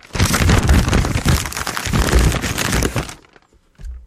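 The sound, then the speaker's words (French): A sheet of white paper held in a man's hands is handled, giving about three seconds of dense, crisp crackling and rustling before it quiets, followed by a brief softer low rustle at the end. “Et le meilleur que j'ai développé, c'est celui de l'homme qui a une feuille de papier blanche entre les mains.”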